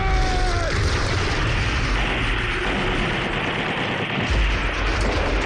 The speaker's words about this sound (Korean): 연기 속에서 전사들의 함성이 터지더니 선비탈로 수류탄 벼락이 쏟아졌다. 갑자기 맹공격을 받은 적들은 산 아래로 흘러내려갔다.